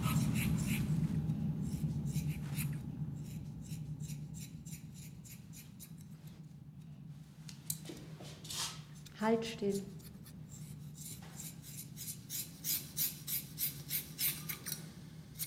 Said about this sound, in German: Es war so lieblos, dieses Kratzen von der Schere, das furchtbares Geräusch und dieses Wegwerfen der abgeschnittenen Haare, ne? Als wenn das Müll wäre.